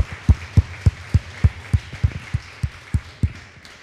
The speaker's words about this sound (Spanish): Denle un fuerte aplauso al que merece toda gloria y honra.